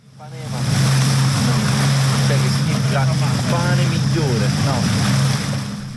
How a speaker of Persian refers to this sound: در ساحل جزیره کوچک در دریای ایونی یونان، گردشگران مثل بسیاری از بازدیدکنندگان این کشور محبوب مدیترانه‌ای در فصل تابستان در آب‌های نیلگون مشغول تفریح و آبتنی هستند.